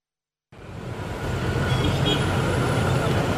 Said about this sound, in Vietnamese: Giữa giờ cao điểm buổi sáng, tại điểm dừng xe buýt trước ga Cát Linh, hành khách liên tục lên xuống. Trên tuyến E02 Hào Nam khu đô thị Ocean Park, những chiếc xe buýt điện nối nhau đón khách.